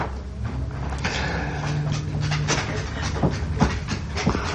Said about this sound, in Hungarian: Amit hallunk, a Rudi kutya. Igen, elunta, és most leugrott az ölemből.